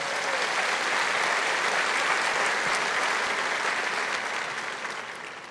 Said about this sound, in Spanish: Dar un aplauso a Jesús.